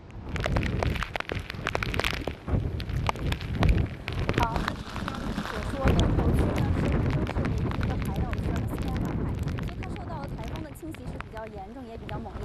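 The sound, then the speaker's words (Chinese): Heavy wind and rain of Typhoon Bavi roar steadily and loudly throughout in Dongtou District, Wenzhou, Zhejiang, China, a dense, constant wash of gusting storm noise, with a reporter's voice talking over it. “啊，我们已经听到了风声雨声非常的大哈。”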